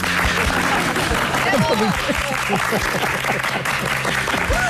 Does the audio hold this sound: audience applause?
yes